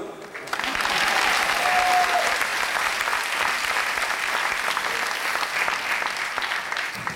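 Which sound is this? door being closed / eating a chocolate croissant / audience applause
audience applause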